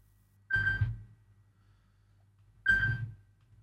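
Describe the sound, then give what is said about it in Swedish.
A telephone rings twice, two short bursts about two seconds apart with a steady tone and a buzzy low rumble, clear against a quiet background hum. “Det ringer, det ringer. Hör, vem kan det vara? Hallå?”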